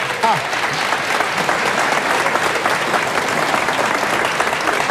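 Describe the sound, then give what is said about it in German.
Steady, dense applause from an audience fills the whole stretch, a continuous wash of many hands clapping at an even, fairly loud level with faint voices mixed underneath. “Ein Applaus.”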